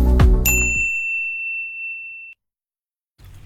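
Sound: mobile phone ringing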